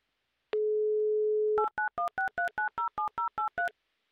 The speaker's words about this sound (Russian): А зачем знать? Не надо знать, надо просто взять трубку, когда вот сейчас начнутся гудки.